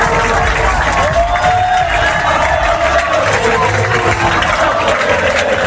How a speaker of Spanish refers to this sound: Aplausos y gritos de olé olé en Wembley.